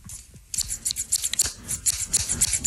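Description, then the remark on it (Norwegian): Scissors snip repeatedly, a quick run of crisp, rasping cuts following a brief quiet start, with no voices. “Jeg har en saks her.”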